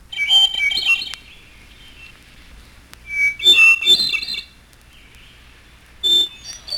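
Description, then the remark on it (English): A hermit thrush sings three separate flute-like phrases, each opening on a clear held note and rising into shimmering, echoing trills, with quiet pauses between them. “And hermit thrush.”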